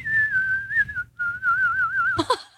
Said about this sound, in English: I think that's better, honestly. Pretty good. Okay. All right, you're selling me. He was doing too much. It's already impressive enough if you can whistle the national anthem like that. You don't got to be throwing all this other stuff in there.